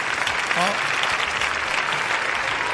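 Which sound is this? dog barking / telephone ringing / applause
applause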